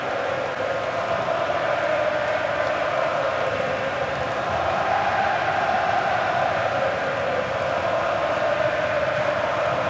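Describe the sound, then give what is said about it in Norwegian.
A large stadium crowd of Canadian spectators at a national-team match against Bosnia roars and cheers in a steady, continuous wash of noise that holds at an even loudness for the whole stretch, with no distinct voices standing out. “Du sa at de trenger at det skjer noe ute på banen for at de skal våkne, og begge deler har jo skjedd.”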